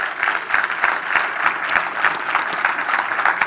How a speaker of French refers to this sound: On veut également accueillir nos deux églises, donc Terrebonne et Saint-Eustache, qui se joignent à nous. Est-ce qu'on peut les accueillir par une bonne main d'applaudissements?